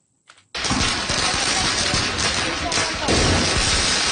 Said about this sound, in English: Have student protesters launching firecrackers at riot police in a Paris suburb. Students began demonstrating in Paris last month, but they've become more violent as more protests have taken place across the country.